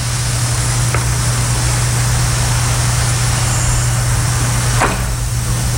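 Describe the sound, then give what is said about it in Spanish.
Two short, sharp clicks of a chronograph stopwatch, about four seconds apart, as a pianist times a performance of John Cage's 4'33", sound over a steady low electrical hum and constant background hiss. No one speaks. “Y los oyentes van a escuchar un clic.”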